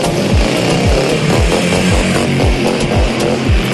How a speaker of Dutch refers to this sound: Voor het experiment lieten ze deze vrouw op een grote motor langs die camera scheuren.